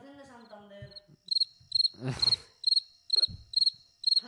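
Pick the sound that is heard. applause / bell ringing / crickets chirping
crickets chirping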